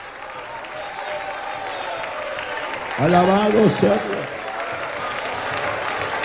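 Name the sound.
audience applauding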